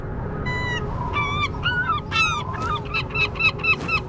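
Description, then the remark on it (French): Seagulls gliding on the wind call repeatedly in a rapid series of loud, nasal cries, some overlapping, over a steady rush of wind. “Les goélands, eux, s'amusent à planer, portés par le vent.”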